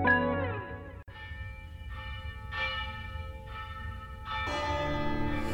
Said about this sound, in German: Die Glocke! Jemand hat sich wieder auf den Glockenturm geschlichen und läutet die Glocke.